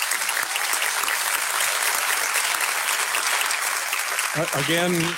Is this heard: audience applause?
yes